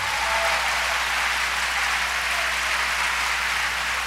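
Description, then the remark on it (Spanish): An audience applauds the King of Glory, Jesus Christ, at a religious service: a steady, dense, even wash of clapping hands that holds at a constant loud level for the full few seconds, with no voices standing out. “Dale un aplauso al Rey de Gloria.”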